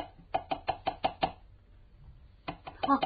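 A quick series of six firm knocks on a door, evenly spaced, then a pause and another short burst of four or five knocks, fairly loud with no voices.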